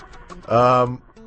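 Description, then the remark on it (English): A bird lets out one loud, harsh squawk lasting about half a second, with faint clucking noises just before and after. “This is like, I cannot even describe to you how hard it is to concentrate with all these birds.”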